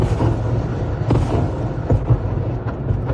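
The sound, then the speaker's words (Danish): Explosions from a Russian missile and drone bombardment of Kyiv, Ukraine, at night: a steady, heavy low rumble with several sharper booms breaking through, with no voices. “Og hun blev holdt vågen det meste af natten af bombardementer og luftalarmer.”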